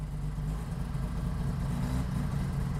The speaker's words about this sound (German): Wird eine Weile dauern, bis der anspringt, weil er erst den Sprit alles klar hintransportieren muss. Wir gucken mal. So, da ist er. Der RO80 ist ein Kultauto.